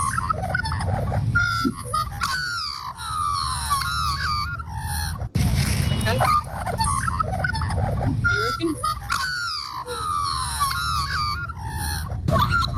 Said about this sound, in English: That's a magpie. What's the bird? A magpie. A magpie? Yes, it is a magpie. Well done.